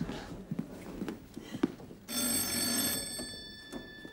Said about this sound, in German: Dann klingelt es plötzlich und da steht dann eine Mutter vor der Tür